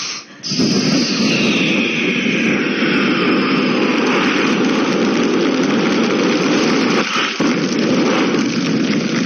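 A loud, steady airplane engine roar in flight, a dense unbroken drone with a faint high whine, starting abruptly after a brief pause and continuing without talk.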